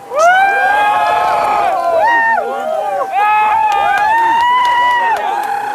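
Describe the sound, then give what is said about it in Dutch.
A crowd of many voices cheers and shouts together outdoors near Valladolid during a total solar eclipse as the sky goes dark, loud and sustained, with overlapping whoops rising and falling throughout. “Je hoort de mensen juichen.”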